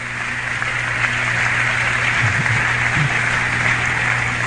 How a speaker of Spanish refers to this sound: Si ese aplauso es para mi Dios, déselo más fuerte, porque solo Él merece la gloria, solo Él merece la honra, solo Él merece la alabanza.